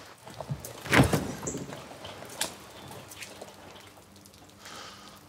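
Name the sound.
door being opened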